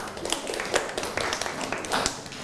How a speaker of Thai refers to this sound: อ่ะปรบมือให้กับเพื่อนหน่อยครับ